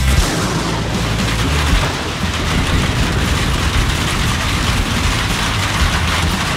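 Heavy rain pours down steadily and loudly, a dense hiss filling the whole stretch, with deep rolling thunder rumbling underneath. No voices are heard.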